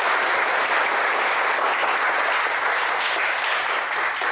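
Steady applause from a roomful of students, a dense, even patter of many hands clapping at once that holds at a fairly loud level for about four seconds with no voices over it.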